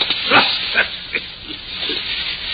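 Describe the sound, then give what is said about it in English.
A dog snorts and growls in short, rough bursts, about five over a couple of seconds, as it worries a shoe held in its mouth. No voices. “Look at the little beast, will you? What's it got, a rat?”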